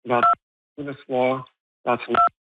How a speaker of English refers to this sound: I think you're pressing the button on your phone while you talk, so just take care with that, please.